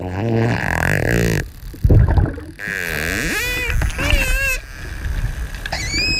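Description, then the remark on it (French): Dolphin vocalisations: a buzzing burst of rapid clicks, then a series of high, squeaky whistles that swoop up and down in pitch, with fainter watery background noise throughout. “C'est bien un dauphin hein, qu'on entend là.”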